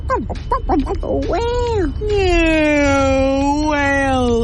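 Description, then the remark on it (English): A person imitates a whale call: a few quick squeaky pitch sweeps, then a long, loud, wavering moan that holds a steady pitch before dipping and rising slightly at the end. “Whale. Yeah, whale sound.”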